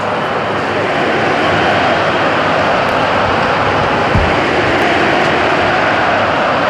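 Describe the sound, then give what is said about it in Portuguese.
A stadium crowd chants Cristiano Ronaldo's name before a dangerous free kick for Portugal's national team, a loud, dense roar of many voices that holds steady and unbroken from start to finish. “É mesmo em posição frontal, um bocadinho nada descaído para a direita e o público já chama por Cristiano Ronaldo.”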